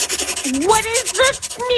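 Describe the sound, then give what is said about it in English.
A pen scratches and rubs across paper in short, steady strokes, while a voice hums or murmurs over the writing, as a person writes down notes about an air conditioner that isn't working. “I'll just write it down with a pen and paper so it'll be a little less loud for you.”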